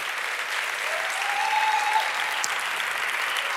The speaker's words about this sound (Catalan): Esportistes, entrenadors, entrenadores, famílies, directives, voluntariat. Gràcies. Un fort aplaudiment per tots vosaltres.